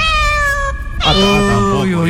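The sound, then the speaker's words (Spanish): A person mimics a cat with two drawn-out, loud meows: a steady first cry, a brief pause, then a longer wavering one. “Ya pasó a gatito.”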